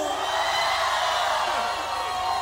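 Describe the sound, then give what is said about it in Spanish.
A large crowd gathered at the Teatro de la Ciudad in Mexico shouts and cheers for joy to Jehovah together in a dense, sustained roar of joyful voices, steady and loud throughout, with no single speaker standing out. “Un grito de júbilo.”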